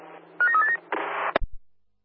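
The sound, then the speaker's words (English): A quick run of beeping phone dial tones as a phone call is placed to the Oak Street station, then a short hiss of static and a couple of sharp clicks. No one speaks. “Oak Street, stand by for a phone call.”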